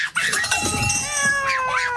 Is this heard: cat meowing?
yes